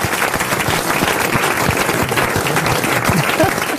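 An audience applauds the comedian Marc-Antoine Lebray, a steady, dense wash of many hands clapping at a consistently loud level throughout, with a few faint voices mixed in near the end.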